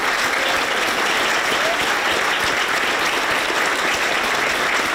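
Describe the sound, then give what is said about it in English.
Sustained applause at Number 10 for Andy Burnham's arrival as the new Prime Minister, a dense, steady wash of many hands clapping at once with no pauses, loud throughout, no voices standing out. “But once the clapping stopped, it was in the other Number 10 in Manchester, where we sat down with the Prime Minister finally to talk about challenges at home and relationships abroad.”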